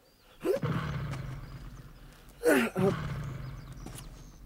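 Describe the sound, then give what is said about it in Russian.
An engine with a blown gasket, being started, coughs to life twice, each sputtering burst dropping into a low, uneven rumble that fades as the motor stalls. No one speaks. “Чихнет пару раз и глохнет.”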